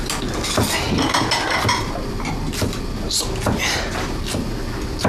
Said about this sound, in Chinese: 帮我把碗筷摆上去。啊，五副啊。 五副。